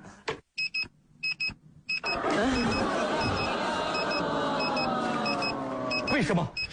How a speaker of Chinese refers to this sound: 为什么 我感觉他一闭眼闹铃就响了？ 不只是你，所有人类都觉得刚一闭眼闹钟就响了呀。